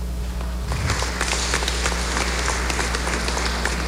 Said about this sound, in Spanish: Le damos un aplauso, por favor.